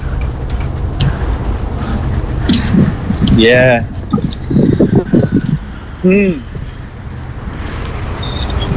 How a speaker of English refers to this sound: There's the bus. You can't catch it.